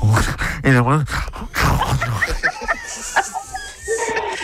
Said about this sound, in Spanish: Qué bonito canta, no seas mentiroso. No seas mentiroso, no canta bonito. No, qué bonito que quiso cantar.